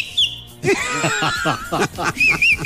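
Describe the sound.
A person whistles a brief high note, then talking and light laughter follow, and a short wavering whistle returns near the end, fairly clear.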